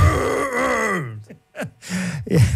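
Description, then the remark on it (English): A person in a staff room imitates a moose call with a long, loud, falling groan that drops low, then gives a few shorter grunting moans after a brief pause. “That was a moose we've got here in the staff room.”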